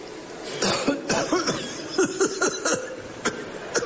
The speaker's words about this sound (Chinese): 哦，就一咳嗽就有血。 对呀、啊，做一个表演。